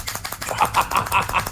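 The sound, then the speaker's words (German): A plastic hand-shaped clapper, a 2026 World Cup fan gadget held and shaken like castanets, rattles in a fast burst of sharp, clacking hits, the bright clatter repeating roughly every fifth of a second over a busy background. “Das sieht süß aus, klingt aber wie eine Baustelle auf Koffein. Das macht so ein Geräusch, das Freundschaften zerstören kann, glaube ich.”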